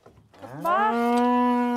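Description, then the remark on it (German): A single long moo from a Galloway cow that rises in pitch at the start, then holds a steady, loud, harmonically rich tone for over a second, with no talking. “40 bis 50 Galloways dürfen den Sommer auf der Insel verbringen.”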